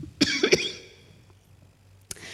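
A preacher giving a sermon coughs a few times in quick succession, sharp and fairly loud, followed by a pause and one more short cough with a bit of throat noise. No talking.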